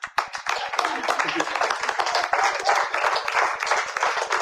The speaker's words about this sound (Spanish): Miren, la iglesia está acostumbrada, hermanos, a que se diga, den un fuerte aplauso, Señor.